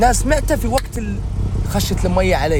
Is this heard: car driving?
yes